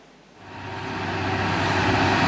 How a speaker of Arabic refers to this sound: كل شاحنة تعبر هذا الطريق تحمل أكثر من مجرد حمولة، فطريق هيج العبد المتعرجة بين جبال تعز تحمل الغذاء والدواء